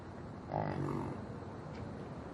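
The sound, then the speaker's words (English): A yak lets out a short, low grunting cry, rough and snorting like a pig, rising briefly above steady background noise and then fading. “Their cry is different from a cow, sounding closer to a pig's snort.”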